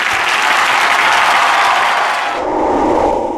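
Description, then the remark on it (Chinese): Loud, sustained audience applause for the performing guests of a music show fills the whole stretch, a dense wash of many hands clapping together, softening slightly toward the end as the crowd noise shifts lower. “我们再次把掌声送给优秀的表演嘉宾”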